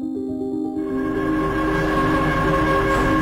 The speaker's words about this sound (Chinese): 22:45，地铁四号线的最后一班